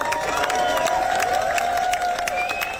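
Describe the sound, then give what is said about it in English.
A large crowd in Mumbles, South Wales, applauds steadily as a funeral procession carrying a singer's coffin passes, dense clapping mixed with cheers and a sustained whistling tone, holding a fairly loud, even level for the whole few seconds. “The crowd applauded as the procession went past.”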